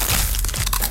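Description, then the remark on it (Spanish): A loud crunch of a Crunch tortilla chip, a Costa Rican product by Instamasa, being bitten, a quick burst of dry crackling and snapping that lasts under a second, with no voices. “Porque solo Crunch suena así.”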